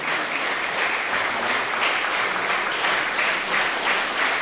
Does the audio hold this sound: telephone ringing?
no